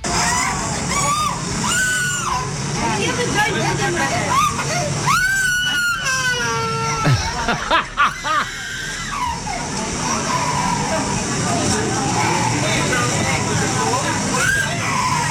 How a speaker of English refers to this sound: This kid screamed the entire time. And God bless America. And then what made it worse, the screaming child was the youngest of five siblings.